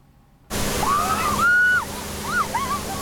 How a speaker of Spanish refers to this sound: La policía alemana utiliza cañones de agua y no es para dispersar a la multitud. Al contrario, así la atraen. En Alemania todos quieren refrescarse.